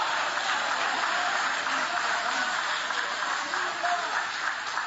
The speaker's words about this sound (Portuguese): Tem alguém aqui que Deus te tirou do cativeiro? Levante a mão então e aplaude, porque quem sai do cativeiro vive uma reconstrução, vive o novo.